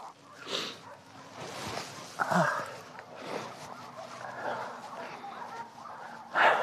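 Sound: dog barking and whimpering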